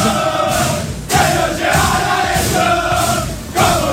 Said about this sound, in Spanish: Escucha. Ahí está. Se sacan la camiseta. La bandera gigante colgada en la pared del vestuario. Sí, paraguas y sin polo, gritando ahí, cantando. Canciones de la barra argentina.